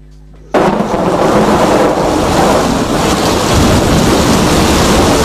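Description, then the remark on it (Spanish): After a brief quiet moment, heavy rain suddenly pours in, a loud, steady hiss with deep thunder rumbling underneath, continuing unbroken to the end with no voices. “Sonido de lluvia para dormir.”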